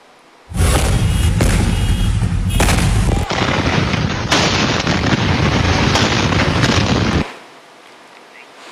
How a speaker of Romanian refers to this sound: Flăcările au izbucnit pe un teren viran pe care erau depozitate ulei uzat și aliaje de aluminiu și magneziu. 140 de pompieri și 10 de autospeciale au ajuns la fața locului, dar în momentul intervenției s-au produs două explozii uriașe.